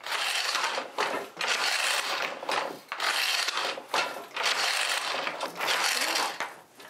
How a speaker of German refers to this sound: Wir freuen uns jeden Morgen, wenn wir uns sehen, der Webstuhl und ich. Richtiges Weben ist Knochenarbeit.